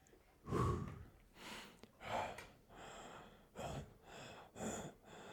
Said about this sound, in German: Wieso schnaufst du jetzt so? Du schnaufst und sitzt dann gar nicht in deinem Radl.